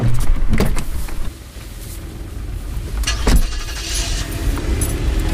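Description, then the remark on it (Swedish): A car brakes to a stop outside the entrance gate of a residential building, its low engine rumble easing off after a second, followed by a few mechanical clicks and thumps inside the vehicle. No one speaks. “Milena bromsar in utanför porten till huset där Sherry bor.”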